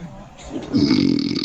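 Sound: loud snoring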